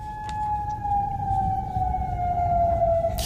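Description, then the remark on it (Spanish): An air raid siren in Bahrain at night wails on one sustained tone that slowly slides lower in pitch, with a faint harmonic above it and a low rumble underneath; no one speaks. “Alarmas antiaéreas.”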